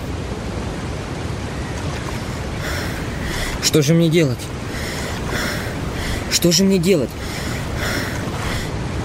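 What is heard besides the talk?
roar of falling water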